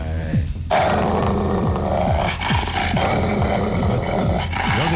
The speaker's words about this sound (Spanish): Ese sonido no es de perro pipón, es un perro atlético. Pon el sonido. Los perros bravos no son gordos. No, hombre, perro pipón no ladra. Los perros bravos son gorditos, la mayoría. Está ladrando, está gruñendo.